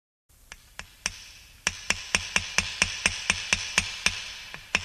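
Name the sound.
hammering nails into wood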